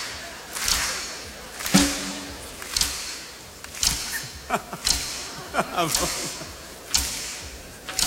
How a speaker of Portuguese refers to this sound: Não é palmas, é estalinhos, estalinhos.